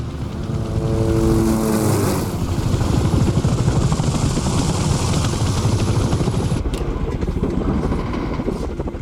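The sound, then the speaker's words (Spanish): A helicopter on its way, its rotor chopping loud and steady, with fast rhythmic thumping over a dense engine roar that fills the whole stretch without letting up. “El helicóptero está en camino.”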